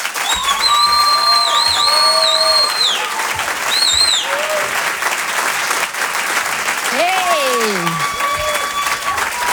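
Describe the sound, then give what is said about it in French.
A large audience at the Comédie Club claps loudly and steadily for the whole stretch to welcome the next comedian, a dense wash of applause with a few whoops and melodic tones riding over it. “Je vous demande d'applaudir très fort, s'il vous plaît,”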